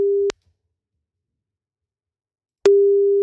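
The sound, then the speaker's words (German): A steady, low electronic phone tone sounds briefly, falls silent for a couple of seconds, then returns: the ringing-back pulse of an outgoing call waiting to be answered, with no voices present. “Und dann heißt es nur noch ans Telefon gehen bei einer unterdrückten Nummer.”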